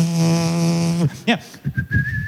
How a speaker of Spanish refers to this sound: La palabra alegremente viene de la palabra griega hilarotes, que significa silbar mientras trabajas. ¿Has visto a alguien silbando mientras trabaja? ¡Es maravilloso!